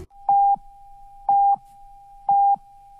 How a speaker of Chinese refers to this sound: 中国移动为您整点报时。